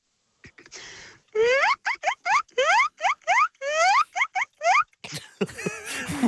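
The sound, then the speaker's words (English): A person's voice imitates guinea pig squeaks: a rapid series of about a dozen high, rising wheeks in quick bursts, loud and alone, ending in a burst of breathy chatter. “Now, this sounds like someone who lives with guinea pigs.”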